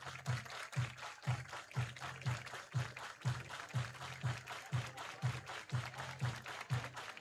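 A stadium crowd claps along to music, with a steady thumping beat about twice a second under a constant wash of crowd noise and applause, and no talking.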